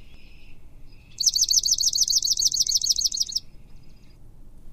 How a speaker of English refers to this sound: So here is the swamp sparrow.